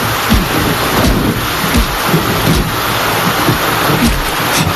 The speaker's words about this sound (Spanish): recuerdo me trae esta lluvia.